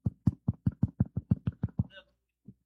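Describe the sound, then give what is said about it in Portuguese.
A preacher knocks on a microphone in a rapid series of about ten dull, booming knocks in steady rhythm, imitating a knock on a house door during a Bible sermon, followed by a brief faint squeak and one last soft thump. “Desculpa bater no microfone, bate devagarinho.”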